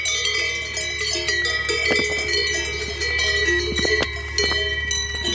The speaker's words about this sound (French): Mais non, j'ai choisi de vous parler des cloches des vaches, puisque ce doux son m'a suivi la quasi-totalité des 8 jours passés à pédaler dans les alpages.